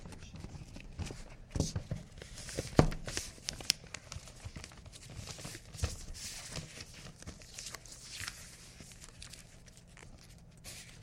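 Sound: paper rustling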